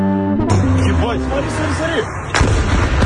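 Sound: drone exploding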